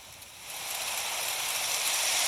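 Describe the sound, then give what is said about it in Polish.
A light snowfall sound effect played at volume 100: a soft, steady wash of airy hiss that gently swells in level over a couple of seconds, continuous and even, with no voices. “Lekkie opady śniegu, 100 głośność, przycisk.”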